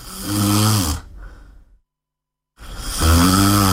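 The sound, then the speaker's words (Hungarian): Loud snoring: a long rasping snore fades out, then nearly a second of total silence before another heavy snore begins. No voices are heard. “Horkolás, légzés, kimaradás, nappali fáradtság.”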